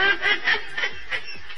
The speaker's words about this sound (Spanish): El gallo, ¿qué onda? Se está escapando el gallo.